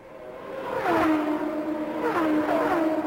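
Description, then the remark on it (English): Michael Andretti's race car engine accelerates hard on the back stretch under green, its whining pitch climbing in two sweeping surges as it gears up and builds back up to speed, loud and steady with no voices over it. “Michael Andretti building back up to speed on the back stretch as this race contenders under green, I should say.”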